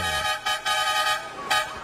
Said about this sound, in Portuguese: Tem que chamar na buzina essa galera curtindo da Rádio Catarinense